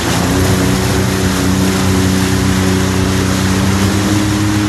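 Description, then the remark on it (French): A jet ski engine runs loud, accelerated a little, holding a steady droning hum over constant rushing water and wind noise, with no voices. “Tu peux accélérer un petit peu, là, ou... Ouais, un petit peu, là. On peut écouter un petit peu le moteur ronronner, ouais.”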